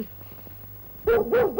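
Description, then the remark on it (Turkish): After a second of near silence, a dog lets out three loud, sharp barks in quick succession, with a slightly whiny, yipping edge. “Nankör köpek! Kemikte getirdik!”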